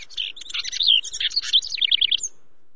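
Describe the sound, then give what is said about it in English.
A male house wren sings a rapid, bubbling cascade of high chattering notes that ends in a quick run of repeated trills, clear for a little over two seconds, with no voices. “at least until next spring, when that male house wren gets busy again.”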